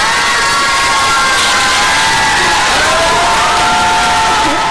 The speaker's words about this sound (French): Alors, applaudis encore pour ça, va. Dis au public d'applaudir pour ça. Dis au public.